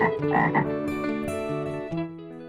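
A frog croaks loudly, a quick run of deep, throaty, buzzing croaks that blend into one another with no pauses and no voices around them.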